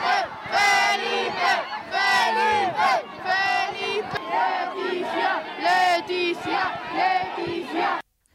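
A crowd in the Plaza de España cheers and chants the names of the king and queen loudly and continuously, many voices shouting together in rising, rhythmic bursts before the sound cuts off abruptly.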